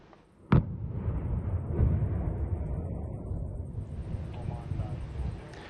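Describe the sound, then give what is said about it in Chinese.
A single sharp controlled demolition blast, set off by the Romanian Navy on one side of the Bala Canal in Romania, cracks out near the start. A heavy, rolling roar of churning water and debris follows as huge spray and smoke are thrown up, carrying on steadily for several seconds. “罗马尼亚海军在巴拉运河的一侧实施受控爆炸，爆炸激起的巨大水花和烟尘。”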